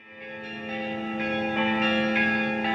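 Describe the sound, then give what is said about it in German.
Large bells of Visby Cathedral, in the medieval old town of Visby on Gotland, Sweden, ring out together in a steady, overlapping peal, their deep sustained tones swelling and layering with repeated strikes, with no voices present. “Seit über 800 Jahren sind die Glocken der Domkirche von Visby zu hören.”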